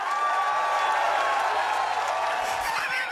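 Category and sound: sound effect, applause sound effect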